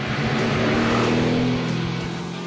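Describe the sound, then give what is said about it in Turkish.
A fast car's engine drones steadily and loudly with a deep, sustained growl and strong low harmonics, holding high revs under heavy acceleration for a couple of seconds with no talking; the car reaches 100 km/h in 4 seconds, driven in bad weather. “Bu motorla 4 saniyede 100 kilometreye çıkıyoruz ve bu gerçekten çok çok hızlı.”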